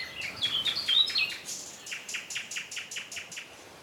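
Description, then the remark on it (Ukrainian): A nightingale sings alone, opening with bright, quick whistled warbles and then breaking into a steady run of about a dozen repeated sharp notes, clear. “А тоді почувся спів соловейка.”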